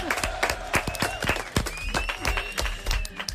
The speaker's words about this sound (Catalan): Molt bé a tots, un aplaudiment.